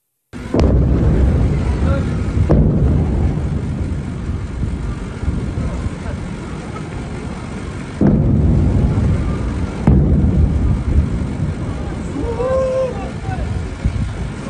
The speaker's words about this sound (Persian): ویدئوی رسیده از مخاطبی به ایران اینترنشنال وقوع چند انفجار رو در بامداد 24 تیر ماه در سیریک نشون میده